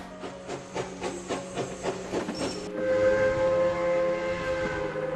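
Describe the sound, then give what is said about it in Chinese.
Noise of a high-speed train ride, with a steady rhythmic clatter of wheels over rail joints, then a sustained tonal whine and hum as the train runs on. Fairly loud, with no voices. “我们现在就是有一种提早体验坐高铁回家的感觉。”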